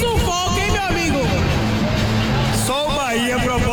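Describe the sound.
A dense, steady roar of Bahia football fans in the stadium celebrating a 1-0 win over Mirassol, loud and continuous throughout, with a voice talking over the crowd's din.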